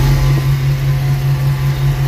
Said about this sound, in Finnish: Tämä oli puimuri.